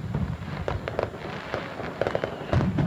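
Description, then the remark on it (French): Fireworks from a laser fireworks display at Sauvé-Singe on Sunday 16 August from 22:30 explode in a rapid, irregular barrage of sharp cracks and pops over a continuous low rumble, with a heavier burst of booms near the end. “Rendez-vous donc le dimanche 16 août à partir de 22h30 pour découvrir cette nouveauté, feu d'artifice laser, à Sauvé-Singe le dimanche 16 août à partir de 22h30.”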